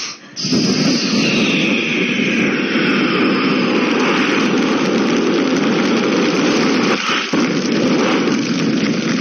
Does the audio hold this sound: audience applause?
no